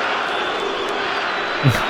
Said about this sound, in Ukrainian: Ну, я б красномовний зараз вигук із трибун звучать, але я б не погоджувався із тим, що скандують із трибун стадіону Україна